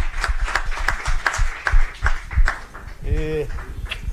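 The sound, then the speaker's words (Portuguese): A few people at Band News FM radio clap in a quick, steady rhythm of sharp hand claps to welcome a new journalist to the station, with a voice calling out over them near the end. “Palmas!”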